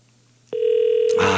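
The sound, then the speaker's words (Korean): A steady telephone tone starts abruptly and holds, followed by a rising wash of noise near the end, as an outgoing call from the Far East Broadcasting radio station rings a listener's line. No one speaks. “극동 방송에서 전화하는 겁니다”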